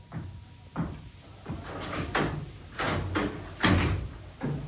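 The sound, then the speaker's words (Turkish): A front door is unlatched and opened, a handful of clunks and rattling knocks spread over a few seconds, moderately loud, with no voices. “Kapıyı ben açarım.”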